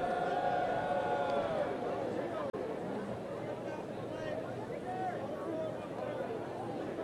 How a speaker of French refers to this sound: Vous entendez les murmures dans la foule.